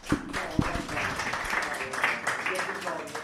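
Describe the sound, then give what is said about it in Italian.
A crowd applauds with dense, steady clapping, a few sharper claps standing out early on, while voices murmur underneath throughout. “Un applauso.”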